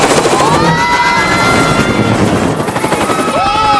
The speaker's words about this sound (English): The propellers cut through the tops of trees and the helicopter spins out of control.